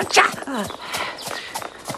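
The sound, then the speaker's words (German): Horse hooves clip-clop at a steady walking pace beneath a voice talking over them, the knocks sharp, a few beats landing over two seconds, as riders go on horseback, one on a brown-and-white pony. “Und ich ritt mit Galligat auf einem braun-weißen Pony.”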